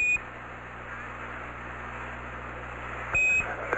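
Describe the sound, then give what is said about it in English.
A computer alarm aboard the lunar module Eagle during its descent, in radio contact with Houston, beeps in short, shrill high-pitched tones, once at the start and again near the end, over a steady hiss and low electrical hum of radio static. “Same alarm, and it appears to come up when we have a 1668 up.”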